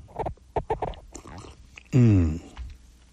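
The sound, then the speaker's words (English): Slurping sips of coffee and mouth clicks, followed by a loud, drawn-out squeak as a cup rubs against the microphone for about half a second. “Sorry, it pushed up against the microphone. It was a little squeaky, wasn't it?”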